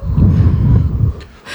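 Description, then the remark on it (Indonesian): A voice imitates a whooshing wind with a breathy, sustained rush of air lasting over a second, followed by a short hissy puff at the end. “Katanya kamu ngisi suara angin ya.”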